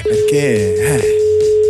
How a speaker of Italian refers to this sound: sentiamo, squilla anche il suo, vediamo un po', chissà Molfetta prenderà il cellulare